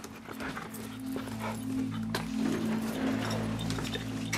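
A dog whimpers and makes short barking sounds over a steady low hum and rustling background, with no one speaking.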